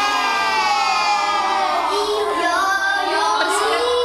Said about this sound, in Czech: Děti tu ve třídě nesedí v lavicích, ale v kroužku na koberci. Překřikují se, odpovídají na otázky a přitom se dozvídají, jak pečovat o své zdraví.